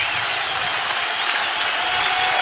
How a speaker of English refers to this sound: Crowd on their feet again here at Haymarket Park.